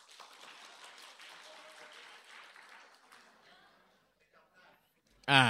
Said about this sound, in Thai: ในทางปฏิบัติจริงๆใครมีเงินเข้ามาแล้วเก็บก่อนแล้วค่อยใช้ได้บ้างทำได้บ้างขอเสียงปรบมือหน่อยครับ ใครรู้แต่ทำไม่ได้ปรบมือหน่อยครับ